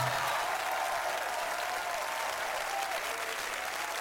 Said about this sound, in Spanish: Muchas gracias. El aplauso doble para el autor